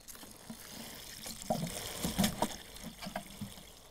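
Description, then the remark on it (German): Water splashes and trickles steadily onto freshly fertilized potting soil as a blueberry plant in a garden is watered, for several seconds, with a few louder gurgling pulses in the middle as a generous amount is poured out. “Soll ich gießen? Ja, gieß du mal. Ganz viel Wasser drauf, hopp.”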